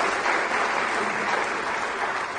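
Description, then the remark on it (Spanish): A church audience applauds visitors and returning members in the name of the Lord, a steady, dense wash of clapping that holds at an even, fairly loud level for a couple of seconds, with no voice standing out above it. “Estamos contentos una vez más de estar reunidos en la casa del Señor, y aquellas personas que nos visitan, aquellas personas que vienen después de un tiempo de ausencia, le damos un fuerte aplauso en el nombre del Señor.”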